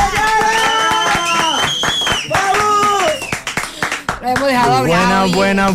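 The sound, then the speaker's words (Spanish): An audience claps in loose, scattered bursts while loud voices shout and whoop over it, welcoming a guest on a media tour, the cheering rising into drawn-out, wavering cries at the end. “¡Aplausos para Yara!”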